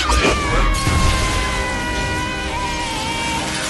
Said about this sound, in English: With a sweeping wand motion, Bellatrix implodes the Great Hall's towering windows.